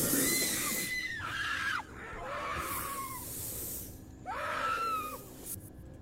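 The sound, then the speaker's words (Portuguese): A wild pig squeals in long, high-pitched cries, each sliding and then dropping off sharply, with a couple of louder bursts over a rough, noisy background and no talking, as an anaconda tries to kill and swallow it. “Nós temos uma outra passagem de uma outra cobra, já tentando dessa vez ali matar e engolir um porco do mato.”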